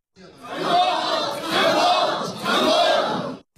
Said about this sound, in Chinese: 当大屏幕上传来发射任务圆满成功的消息，现场瞬间沸腾，掌声欢呼声汇成一片欢乐的海洋。